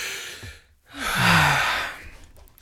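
A breathy rush of air, then a brief pause and one long, deep intake of breath that swells loudly before trailing off, as a presenter catches their breath before presenting. No one speaks.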